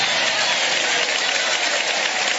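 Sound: audience applauding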